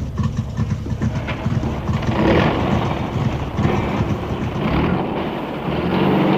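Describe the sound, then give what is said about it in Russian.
A truck rumbles steadily along, its engine droning low with rattling, bumpy road noise throughout, continuous with no talking. “Мы катим дальше.”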